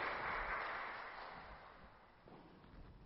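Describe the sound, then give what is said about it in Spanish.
A crowd claps for married couples celebrating their wedding anniversaries, in a steady, dense patter that stays fairly even, softening slightly in the middle before picking up again. It's quiet overall, with no voices over it. “Un aplauso para ellos.”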